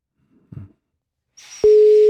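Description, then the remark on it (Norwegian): After a soft muffled knock and a rush of line hiss, a loud, steady telephone ringback tone of an outgoing call placed from a studio starts abruptly and holds unbroken to the end. “og du som blir oppringt har I praksis 2 ring her I vår ende på deg, før oss legger på.”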